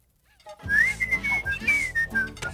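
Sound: tea kettle whistling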